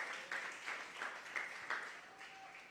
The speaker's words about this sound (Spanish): Dele palmas al Señor, o menos usted en feria. Aleluya.